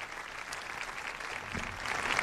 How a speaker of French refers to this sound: Un discours applaudi.